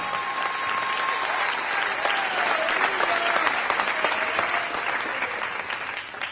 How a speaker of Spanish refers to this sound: No, si le va a aplaudir, apláudale todos como él se lo merece.